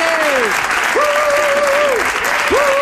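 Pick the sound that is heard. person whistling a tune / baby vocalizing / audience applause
audience applause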